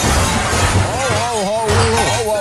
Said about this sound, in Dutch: Oh, dat gaat hier niet goed. Er rijdt net een auto bij ons tegen. Die meneer die rijdt de puin eruit. Dat is even heel minder.